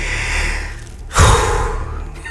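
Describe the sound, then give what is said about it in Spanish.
A single deep, heavy breath, a broad airy rush that swells suddenly midway and then slowly fades out, with no talking. “No por la respiración suya. Esa respiración profunda.”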